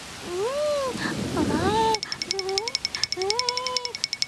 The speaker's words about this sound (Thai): โอ้ไม่ทันซะแล้วฝนตกลงมาซะแล้วล่ะ